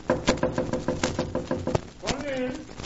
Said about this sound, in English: I'm going to knock.